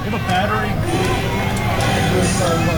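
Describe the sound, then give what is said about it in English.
A football crowd boos after William and Mary calls a timeout, a steady, loud wash of low voices and jeers that holds without a break for a few seconds. “And the crowd is booing.”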